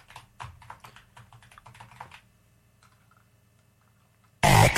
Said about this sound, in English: Okay, what are you typing in?